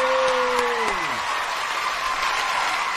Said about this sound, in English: and naturally, as the as the host who was giving away the award said, you know, the winner is an announce and whatever, the whole crowd went, yay!